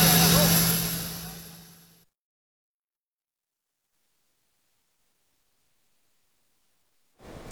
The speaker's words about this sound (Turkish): Barış Harekatı'nın 52. yılı kutlamaları öncesi adanın güneyinde Türk Hava Kuvvetleri de bir eğitim uçuşu gerçekleştirdi. Rum kesimine yönelik mesaj niteliği taşıyan uçuşta muharip ve destek uçakları birlikte boy gösterdi.